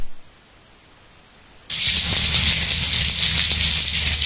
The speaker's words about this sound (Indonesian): Bagi sebagian orang, mendengarkan suara hujan dapat menenangkan perasaan, bahkan meredakan stres. Ada beberapa orang dengan masalah gangguan tidur atau insomnia bisa tidur nyenyak jika mendengarkan suara hujan.